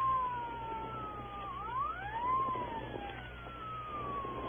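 police car siren

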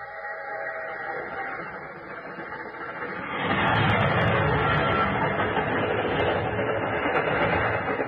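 train passing

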